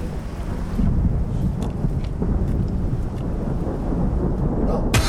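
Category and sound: nature, thunder rumbling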